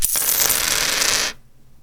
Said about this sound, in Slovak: pretože si predstavte mince, ktoré keď vysypete... Hej, niekedy proste dlhšie štrngajú, niekedy kratšie, ale však akože na nič nenavádzame. Nič nenavádzame, počúvajte, koľko ich vypadne. Mm-hmm. Mešec typu A.